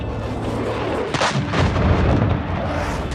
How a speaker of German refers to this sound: Kampfjets donnern über Istanbul und die Hauptstadt Ankara. Es waren F-16-Jets, die extrem tief flogen und explosionsartige Geräusche verursachten.